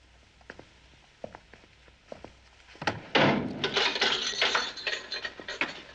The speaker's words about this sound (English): The guard opens the metal door and Coogan walks through into the cramped office